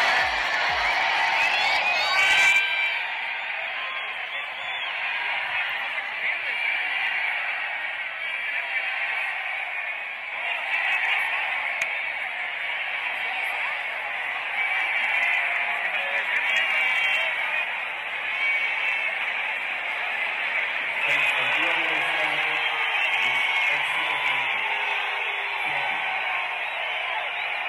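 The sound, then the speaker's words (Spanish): A large concert crowd in Las Vegas boos and shouts in a steady, loud roar that never lets up. Near the end, a faint amplified voice over a loudspeaker starts telling them beneath the noise that the Thursday concert is cancelled. “Oye, los abucheos y todo, al final ustedes alcanzan a escuchar un poquito de cuando le están diciendo como por un altavoz a toda la gente de, oigan, lamentablemente el concierto se suspende.”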